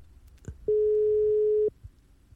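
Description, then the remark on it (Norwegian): A single steady, loud telephone ringing tone of an outgoing call to a radio listener sounds for about a second, a clean electronic hum heard through the line, with a faint click before it and quiet background otherwise. “Så da får vi ta ringen til neste som har meldt seg på. Og der skal vi se. Da skal det ringe en eller annen vei ute i radiolytterland.”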